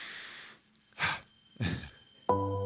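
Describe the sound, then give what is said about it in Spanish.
An audible deep breath: a breathy inhale followed shortly by a longer airy exhale, no talking, then a tonal musical sound comes in right after. “Vámonos, tomamos una respiración profunda, cambiamos el fondo y...”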